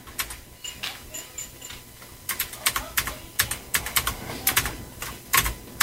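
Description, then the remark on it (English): Rapid, irregular clicking of computer keys being typed, fairly crisp, with bursts picking up in the second half; a faint electronic chirp sounds briefly near the start. “Well, there's a whole lot of keys on your keyboard, so...”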